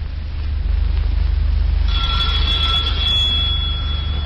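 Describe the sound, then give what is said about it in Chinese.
After a couple of seconds of steady low rumble, an electric doorbell rings with a sustained, high-pitched buzzing tone that lasts about two seconds before cutting off. “铃声之后，门开了，出来迎他的是康斯坦丁诺夫。”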